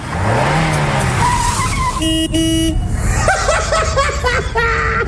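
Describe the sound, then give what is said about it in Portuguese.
An old, heavily smoking Volkswagen Beetle's engine revs and drones, then two short, bright horn honks blare together, followed by wavering, squealing engine and tire sounds. “Olha a fumaceira que tá esse carro.”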